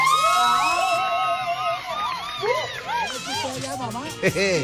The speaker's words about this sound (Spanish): El aplauso para esta mamá.